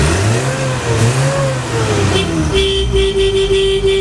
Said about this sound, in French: Alors c'est un camion Peugeot D4B qui date de 1960. Il faut le prouver, hein. Moi je vais entendre la porte, le moteur, je veux tout entendre, hein, je vous le dis.